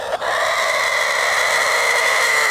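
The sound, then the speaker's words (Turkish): A Denizli rooster holds one long, loud crow, a steady high-pitched drawn-out note that carries unbroken to the end after a brief catch at the start. No one speaks. “Denizli horozları uzun ve ahenkli ötüşleriyle dünyanın en dikkat çeken horozları arasında yer alıyor.”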